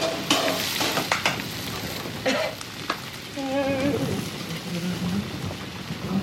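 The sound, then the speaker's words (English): Vegetables from a hydroponics bay sizzle steadily in a hot pan as they're stir-fried, with a crackling hiss, scraping utensil strokes, and a faint murmur of voices underneath. “I thought I'd use a few of the vegetables from the hydroponics bay and whip up a”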